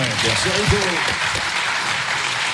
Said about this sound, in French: Je crois qu'on peut l'applaudir pour tout le travail.